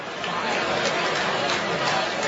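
Dense crowd chatter fills a large open baseball stadium, Plainsman Park, during a game, a steady wash of many overlapping voices at constant loudness with no single speaker standing out; temperature around 66 degrees.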